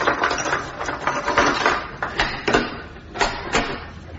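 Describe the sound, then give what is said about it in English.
A door being unlocked and opened: a busy run of metallic rattles and scrapes, then several sharp clicks and clunks toward the end, with no voices. “You'll have to open the door.”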